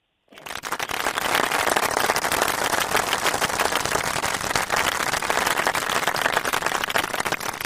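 A crowd breaks into loud, dense applause for a child who answered well on a children's programme on Kodai FM 101.5 radio, after a brief silence, many hands clapping steadily and evenly for several seconds without fading, full with no voices over it.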